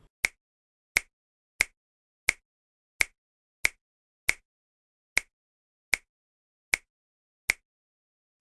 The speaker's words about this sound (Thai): เดี๋ยวเราจะมาลองทำเสียงกันเลยครับเริ่มที่เสียงดีดนิ้วกันก่อนเลยนะครับดูว่ามันจะสั่นหรือเปล่า